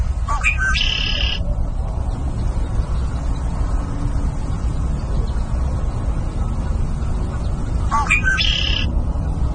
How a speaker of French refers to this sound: Donc, un son un peu plus familier maintenant, le carouge à épaulettes.